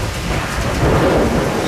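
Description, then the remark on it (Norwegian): A low rumble of distant thunder rolls under steady, heavy rainfall, the noise continuous and fairly loud throughout, with the rumble swelling slightly partway through. No voices. “Men litt lenger unna det lynet.”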